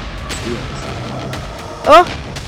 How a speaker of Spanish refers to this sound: Oh. Oh. ¿Qué pasó? Están haciendo unas explosiones. Claro. ¿Qué está pasando?